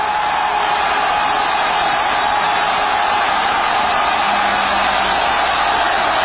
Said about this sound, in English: these people all over America at the same time cheering, and there are so many American flags everywhere, and so many people of all different races, different political persuasions, all chanting USA, cheering and going nuts. This is in Kansas City.